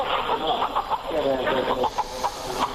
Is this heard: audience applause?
no